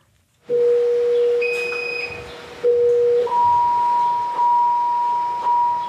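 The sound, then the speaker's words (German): Patient monitor alarms in the central station of an intensive care monitoring ward, sounding when pulse is too high or blood pressure or blood oxygen too low: several overlapping electronic tones at different pitches, some sustained and some repeating, fairly loud against a low room hum, with no talking. “Dann tönt ein Alarm in der Zentrale der Überwachungsstation, wo vier Schwestern und Pfleger vor Bildschirmen sitzen.”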